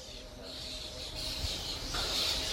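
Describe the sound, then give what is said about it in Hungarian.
A steady chorus of many birds chirping and twittering in plane trees on a sunny day, a dense, continuous high-pitched texture, swelling slightly louder toward the end. “Hú, hát nagy madár élet van itt a platánfákon.”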